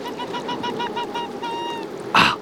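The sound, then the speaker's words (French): An arctic fox gives a rapid series of thin, high-pitched yelps, almost whistle-like, followed by one louder, harsher cry at the end, over a steady background hiss, on the pack ice of the Far North in winter, in polar cold. “Ce jappement aigu, presque comme un sifflement. C'est celui du renard polaire.”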